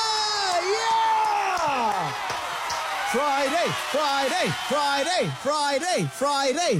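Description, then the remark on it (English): A loud crowd cheers throughout, opening with long sliding whoops before settling into a rhythmic, repeated rising-and-falling chant that comes about five times over the steady roar. “Then we're going to cheer!”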